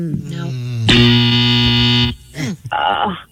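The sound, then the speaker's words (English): A loud, harsh game show buzzer blares for about a second to mark a wrong answer, its raspy tone dense with harmonics, with brief voices around it and a short electronic sting afterward. “Every time that buzzer goes”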